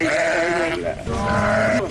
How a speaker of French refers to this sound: Des moutons, il y en a au forail de Kédougou, mais ce n'est pas encore le comble, cher Baye, le président des éleveurs du forail de Kédougou. Pour l'instant, il n'y a pas beaucoup de moutons, il va falloir attendre d'abord.